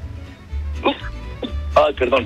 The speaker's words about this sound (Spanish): Perdón, pero me dieron ganas de estornudar.